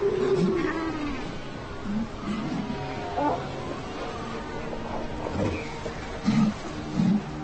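Harsh, throaty growls and roaring barks from new fur seal mothers fighting over their pups clash in bursts over a steady rumbling background, with louder snarling outbursts near the end.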